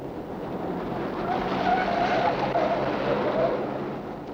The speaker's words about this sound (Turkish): deli gibi sürme arabayı!